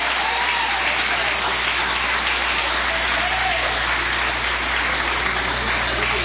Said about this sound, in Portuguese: Vamos receber o servo de Deus com aquelas palmas bem alegres para Jesus.